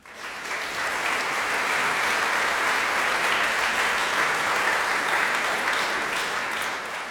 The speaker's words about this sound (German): Einen großen Applaus für alle, die hier mitgemacht haben und die Sie hier heute Abend hören werden, denn wir wollen in den Olymp reisen gemeinsam.